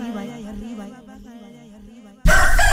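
A rooster crows in one long, wavering, drawn-out call lasting about two seconds, then a sudden loud burst of dense, noisy sound cuts in and fills the rest.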